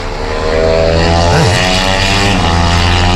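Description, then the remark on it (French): A motorcycle engine roars past loudly on a racing track, heard from an apartment window, its buzzing whine steady, with a brief pitch swoop midway as it speeds along. No voices. “Oh, une moto.”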